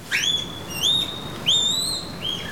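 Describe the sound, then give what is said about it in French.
A female panda's mating calls during the January–March breeding season: four high, rising, chirp-like whistled cries in quick succession, each swooping upward then holding briefly, over a soft low rumble with no talking. “Oh, ses cris! C'est une femelle! Elle m'appelle!”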